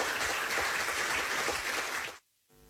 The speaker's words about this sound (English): I want all of you to stand up. I want you to stand up and we clap hands for Gianni.